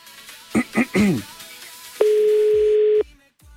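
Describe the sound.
A single loud, steady telephone ringback tone sounds for about a second, preceded by a few brief voice-like bursts, then falls silent, as a radio show calls a rural holiday house rental in Gómez Sende.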